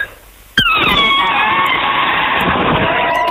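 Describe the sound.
A person imitates an elephant's trumpet: a sudden, loud, brassy blast with strong harmonics that holds steady for about three seconds, with no talking over it.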